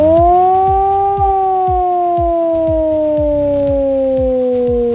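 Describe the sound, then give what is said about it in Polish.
A loud civil defense air raid siren wails in a long, slowly falling tone that fills the whole clip, with a steady mechanical pulsing thumping underneath, sounded across the country during the Alarm 26 civil alarm exercise. “W całym kraju można dziś usłyszeć wycie syren alarmowych.”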